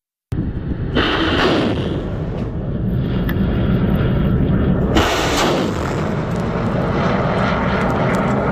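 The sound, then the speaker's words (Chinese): A reconnaissance drone's engine roars loudly and steadily as it rapidly takes off and flies over a military exercise ground to carry out aerial reconnaissance of the target area, with the noise surging twice in brief swells. No voices are heard. “演练场的另一端，侦察无人机迅速升空，对目标区域展开凌空侦察。”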